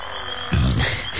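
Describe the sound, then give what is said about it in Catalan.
Frogs and toads croak in a dense chorus, a loud low throaty burst swelling in the middle over a steady background trill, continuous with no voices. “Canten la granota i el gripau,”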